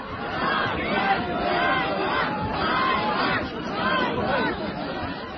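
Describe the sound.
A crowd turning over a jeep used by military recruiters jeers and shouts "shame", many voices overlapping into a loud, steady roar of angry calls that swell and fade in waves for several seconds.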